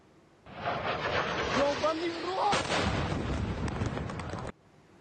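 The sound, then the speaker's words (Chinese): A Ukrainian drone's engine whine shifts pitch as it dives rapidly toward the city of Cheboksary, Russia, over a loud roaring rumble, then a sharp, violent explosive blast hits midway, followed by continued heavy rumbling that cuts off abruptly. “俄罗斯网友拍摄到乌克兰无人机向切博克萨雷市急速俯冲，引发猛烈爆炸。”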